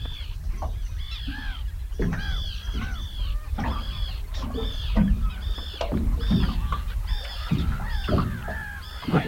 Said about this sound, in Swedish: Nu kom det en till med löja i näbb. Men det där var en vanlig fisktärna. Jag måste nästan lyssna lite bara på det här fina ljudet.